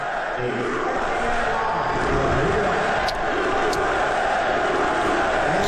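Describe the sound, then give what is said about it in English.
A huge stadium crowd chants "USA" as President Trump is shown on the Jumbotron, a loud, dense, unbroken roar of many voices, sustained at steady volume for several seconds, with a few sharp high accents cutting through. “I'll start with cut number three from last night, and this was when they showed President Trump on the Jumbotron, the crowd chanting USA.”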